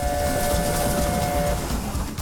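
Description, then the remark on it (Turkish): A steam train, one of the last few in South Africa kept running by a restoration team, rumbles along a 100-year-old line, loud, with rhythmic low chugging and a steady whistle-like tone sounding through the first part before fading out. “Ve Güney Afrika'da kendine adamış bir restorasyon ekibi sayesinde son kalan birkaç buhar treni, bir zamanlar ülkenin ana ulaşım şekli olan 100 yıllık çizgilerin üzerinden geçiyor.”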